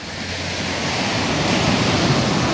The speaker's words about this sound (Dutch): Het geluid van een branding.